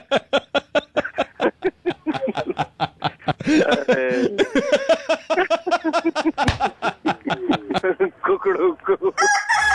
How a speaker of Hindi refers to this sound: एक काम करो, एक चीज बोलो। क्या बोलो? कुकड़ुकू।